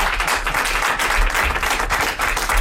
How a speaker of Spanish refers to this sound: Un aplauso para Javier Coronas.